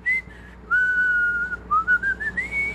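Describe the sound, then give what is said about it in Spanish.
A person whistles a short melody, the whistled signature of the radio segment "La música de ayer en la radio de hoy", the clear tone sliding and stepping between pitches in sustained phrases, fairly loud with a faint steady hum underneath. “pues sería más que el baúl de los recuerdos, la música de ayer en la radio de hoy, el silbidito.”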